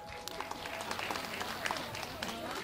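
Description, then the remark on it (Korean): A crowd claps steadily for a few seconds at a charity donation handover ceremony at Yeonhwasa temple on Bulgoksan in Yangju, a dense, even patter of many hands with sharper individual claps popping out of the wash. “네, 여러분 다시 한번 큰 박수 보내주시기 바랍니다.”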